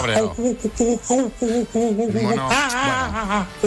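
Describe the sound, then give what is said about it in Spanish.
A person imitates an angry monkey with loud chattering bursts in quick succession, then rising, wavering shrieks toward the end. “Mono cabreado.”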